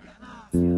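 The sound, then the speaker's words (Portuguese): After a moment of soft voices, someone lets out a sudden, loud, nasal bleat, a person imitating a goat, held briefly. “Sai de mim, bode.”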